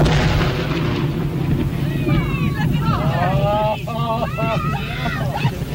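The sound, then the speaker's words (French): A steady, heavy low rumble from an explosive blast on a whale carcass, with debris seeming to rain down throughout while several voices call out over it. “quelques minutes avant la détonation et les retombées de morceaux de cadavres de baleines.”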